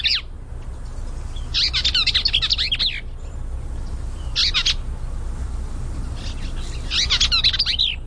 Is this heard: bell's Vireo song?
yes